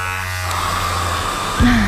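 An electric shaver buzzes steadily, a low, even drone with a gritty edge that holds for nearly two seconds before a voice starts speaking over it at the end. The sound is part of a radio advertisement for Iskra personal care appliances.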